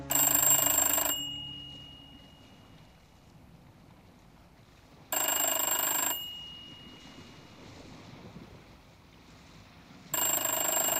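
A telephone bell rings in three loud, jangling bursts, each about a second long and spaced roughly five seconds apart, with a low, quiet background hum in between and no voices.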